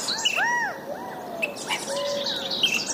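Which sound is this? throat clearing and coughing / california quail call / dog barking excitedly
california quail call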